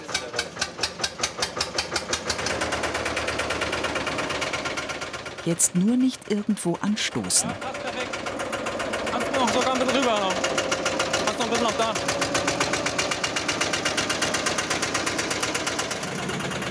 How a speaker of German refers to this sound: hilft mit seinem Oldtimer-Traktor, einem Porsche Diesel Junior. Damit soll der Bootsrumpf auf seinem Gestell aus der Garage gezogen werden. Sofort geht es los.